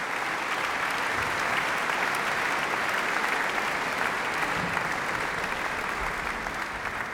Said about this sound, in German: Für dessen Symphonieorchester und für Chefdirigent Sir Simon Rattle. Er ist noch einmal auf die Bühne gekommen, kurz ans Dirigentenpult getreten und hat auch noch einmal den Applaus des Publikums hier im Saal entgegengenommen.